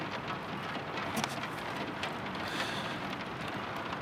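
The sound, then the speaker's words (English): Heavy rain pours in a steady, dense hiss, with scattered sharper drops tapping through and no voices, holding an even loudness throughout. “And I fell asleep listening to your breathing and the sound of heavy rain on hot tin roofs, like typewriters drafting a message home.”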